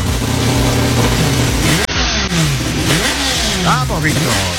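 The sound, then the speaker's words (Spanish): A loud car engine revs hard several times, its pitch climbing and dropping in quick surges as it accelerates, with a steady roar underneath and a brief cut partway through. “Apurando motores. Las novedades del deporte motor en la semana.”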